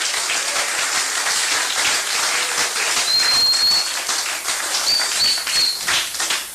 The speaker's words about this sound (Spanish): Dele palmas a Cristo. ¡Oh, gloria!